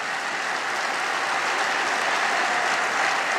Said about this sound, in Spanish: Sí, te aplaudimos, papá. Amén.